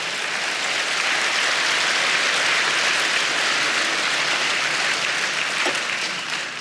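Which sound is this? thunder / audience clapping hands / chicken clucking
audience clapping hands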